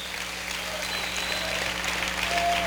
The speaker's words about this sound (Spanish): Aleluya, aplaude y bendígalo.